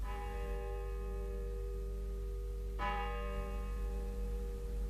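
Church bells of the Church of St. Anthony ring out with long, humming overtones; a fresh strike lands midway and its tone lingers over a steady low rumble, with no voices present.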